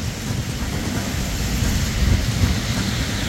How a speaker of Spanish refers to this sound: Harta lluvia. Va a ser de forma intermitente, eso sí, ¿eh? Pero parece que en Hospicio de la Nube no se quiere mover de ahí. Al parecer no se quiere mover de ahí.